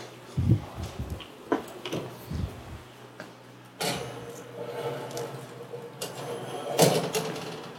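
Kitchen clatter: a few knocks and thumps, then an oven door opening around the middle and a dish clunking onto the oven rack, with a faint steady hum throughout.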